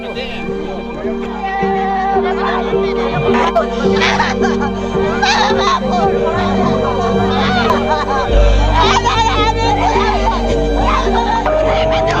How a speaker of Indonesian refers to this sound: Teriakan tangisan terjadi saat dua warga Toraja menjadi korban penembakan kelompok bersenjata di Papua. Korban telah dipulangkan dan dimakamkan di kampung halaman.